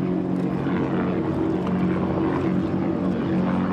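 The engine of a 2024 Outer Limits SL50 racing powerboat, a 50-foot V-bottom, roars steadily and loudly during a shootout run, a continuous deep droning rumble with a throbbing low hum that holds without pause.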